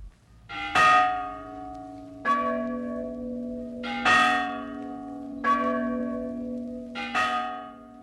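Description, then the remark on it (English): Church bells are rung in a steeple in a slow, overlapping peal, about six loud strikes with long sustained tones humming between them, resonant with no voices. “How if one of the bells should fall?”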